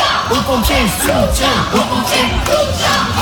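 A crowd of high school students in Bordeaux chants the slogan "soutien aux pompiers" in support of firefighters, just in front of their high school, their voices rising and falling in a steady repeating rhythm, loud and continuous with shouting mixed in.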